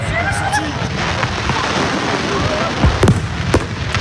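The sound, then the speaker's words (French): Fireworks crackle and boom over a steady roar of crowd noise, with high whistling streaks early on and a few sharp, loud bursts clustered toward the end. “Mais forcément, dans la foulée, le feu d'artifice n'a pas eu la même saveur.”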